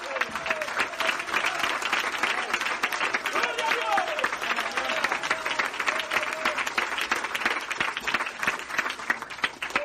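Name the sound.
hand clapping applause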